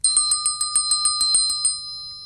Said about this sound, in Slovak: Nevie síce hľadať, ale vie privolávať. Zvonček. Bábika, prosím ťa, pomohol by som ti hore na poličku. Nože sa načiahni tamto za zvončekom, nech privolá pána vedúceho.